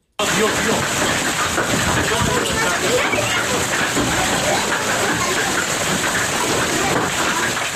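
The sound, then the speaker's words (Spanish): An intense hailstorm with large hailstones pelts down around 7:30 in the evening on La Jauca, near El Ijate, in the north of Almería province, in a dense, unbroken clatter and hiss, loud and steady throughout, with countless tiny impacts blurring into a continuous roar. “Así sonaba ayer la tormenta que sorprendió al norte de la provincia de Almería.”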